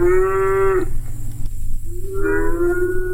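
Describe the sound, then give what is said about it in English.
Two long, loud moos from cattle on a cattle station, each a drawn-out harmonic bellow, separated by a brief pause with a low rumbling background. “Ah, listen to those cattle, will you?”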